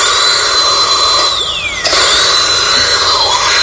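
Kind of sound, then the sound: medical sound, dental drill whirring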